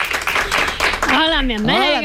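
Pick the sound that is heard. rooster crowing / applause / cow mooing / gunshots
applause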